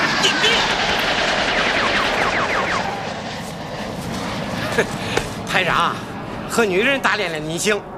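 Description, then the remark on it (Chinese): A steady, broad roar of enemy aircraft engines fills the scene, loud and overhead, with urgent shouting voices breaking through near the end. “在前面那条岔路把敌机引开”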